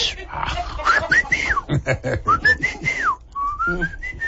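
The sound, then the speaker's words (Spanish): A person whistles to imitate the whistling a car made when accelerating, as air leaked in after its small rubber seals melted, with several rising and falling tones and a few short pauses. Other voices murmur underneath. “y luego ya conforme traes el carro, la calentura y esto, el otro, como ya no tiene esas liguitas, le entra aire y empezaba como a chiflar cuando aceleraba.”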